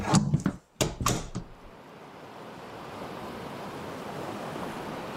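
Ocean waves on the open ocean where a capsule is drifting: a few loud, splashy surges break at the start, then settle into a steady, continuous rushing wash of surf with no voices.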